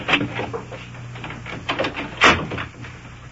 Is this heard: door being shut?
yes